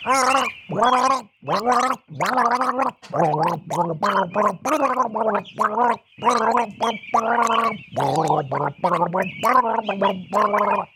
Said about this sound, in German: Also, raten Sie mit, was Rolf Rüdiger jetzt gleich wieder gurgelt. Das ist sehr berühmt.